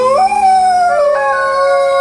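An Australian wild dog lets out a long, sustained howl, its pitch rising and then gliding smoothly downward, loud, with no other voices present.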